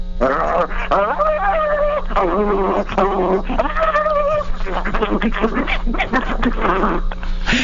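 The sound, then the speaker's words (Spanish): A man's voice mimics a dog with a string of strained, whiny yelps and growly barks, loud, with a steady hum underneath. “No sé si seas el mejor perro, pero sí es el que me das ganas, le echaste.”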